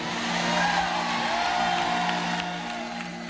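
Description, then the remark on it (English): A truck engine runs steadily with a low, droning hum and a faint whine, fairly loud and continuous, with a hint of crowd noise in the background. “Run the truck.”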